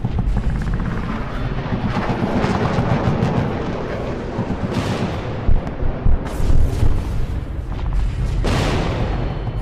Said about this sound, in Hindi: और फिर शुरू हुआ सैन्य अभियान। खालूबार टॉप पर समय समय पर वायुसेना के विमान मंडराते रहे और जो बंकर निशाने पर आए उन्हें उड़ाते रहे।